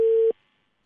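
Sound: telephone ringback tone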